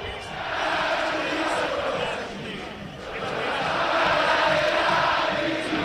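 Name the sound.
football stadium crowd cheering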